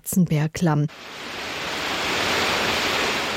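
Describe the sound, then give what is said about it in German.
A brief voice at the start gives way to a steady, loud rushing of water: a wild mountain stream roaring continuously through the Schwarzenbergklamm gorge, filling the rest of the moment. “Das unheimliche Rauschen des wilden Bergwassers, der spärlich von oben eindringende Lichtschimmer, alles vereinte sich, die Sinne zu betäuben.”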